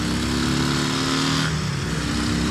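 motorcycle engine revving

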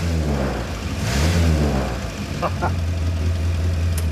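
morris Minor exhaust crackling

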